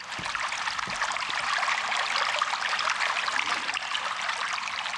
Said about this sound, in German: Ich finde, das tut gut, auch einfach nur das Wasser plätschern zu hören